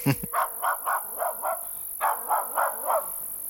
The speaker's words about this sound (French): Ce chien qui aboie, passe-t-il en coulisses? Est-ce un hasard, un incident? Ou un choix du metteur en scène?